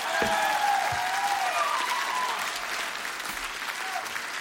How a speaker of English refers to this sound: I need a bigger applause than that tonight, Tampa.